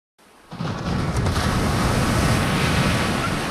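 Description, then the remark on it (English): Ocean surf washes steadily onto Crystal Crescent Beach, just outside Halifax, where skimboarding is going on, a broad continuous roar of breaking waves with some wind rushing over it, rising in quickly and then holding loud throughout. “I'm on Crystal Crescent Beach, just outside Halifax, doing some skimboarding on Crystal Crescent.”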